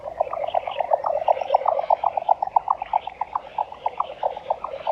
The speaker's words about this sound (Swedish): Men jag står här bara och njuter för att jag har hållit på med fåglar i 60 år och jag har aldrig hört så bra dvärgbeckasinspel som i natt.